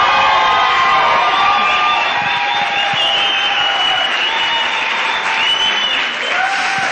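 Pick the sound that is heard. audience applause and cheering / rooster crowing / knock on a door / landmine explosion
audience applause and cheering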